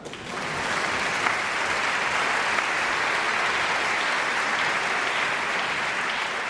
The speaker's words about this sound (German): Und nochmal extra Applaus für die Janitscharenkapelle heute Abend.